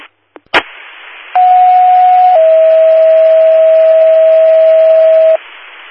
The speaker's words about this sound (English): General tones for mutual aid request from CAL FIRE for a vehicle accident, requesting engine 421, Highway 65 at Riosa.